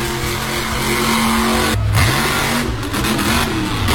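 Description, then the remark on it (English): The engine of the all-new King Slang Competition Monster Truck revs loudly, its deep roar steady with a couple of sharp pitch changes as the throttle is blipped; no one speaks. “I am coming to play Monster Trucks with you guys at the Eastbound Speedway with the all-new King Slang Competition Monster Truck.”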